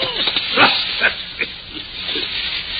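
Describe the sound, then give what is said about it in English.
A dog growls and snarls over a shoe in short, rough bursts, several close together, over a steady background hiss. The sound is moderately loud. “Look at the little beast, will you? What's he got, a rat?”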